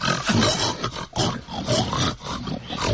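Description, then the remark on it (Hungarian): Pigs grunt miserably in a sty, a loud, rough chorus of overlapping low grunts and groans that carries on for three seconds with only brief dips in between. “A társak az olban keservesen röfögnek.”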